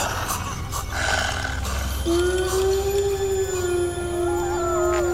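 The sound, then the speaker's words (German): Village dogs howl together, apparently answering a wolf: a long, steady, low howl begins about two seconds in and holds to the end, while fainter wavering howls rise and fall above it over a low rumbling background. “Hören Sie? Die Dörfhunde antworten anscheinend diesem Monstrum.”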